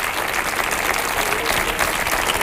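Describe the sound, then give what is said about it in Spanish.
Sustained audience applause, a dense steady wash of many hands clapping at even loudness throughout, with no voices standing out above it. “Otro aplauso para Ricky Rivera, que vamos a dormir así, ¿eh?”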